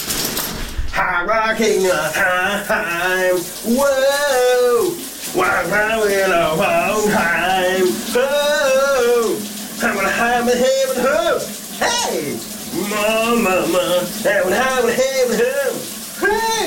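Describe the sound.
A man sings a melody in a shower, his voice wavering over a steady hiss of running water that continues throughout, with brief pauses between sung phrases.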